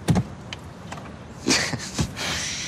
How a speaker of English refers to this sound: Not too much gas. The car slows. Okay, not too little, or we'll... The convertible jerks to a stop. Stall.